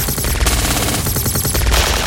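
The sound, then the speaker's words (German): Loud, sustained gunfire: rapid automatic bursts crackling one after another in a dense, harsh barrage with no pause and no voices. “Feuer frei!”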